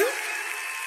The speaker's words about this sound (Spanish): ¡Los aplausos bien fuerte!